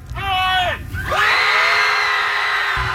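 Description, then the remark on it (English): Several voices at a screaming club event yell together in two loud, sustained bursts, the first falling off in pitch before a second long, strained group shout rises and holds to the end. “… says he wants to keep the club simple. Show up and yell.”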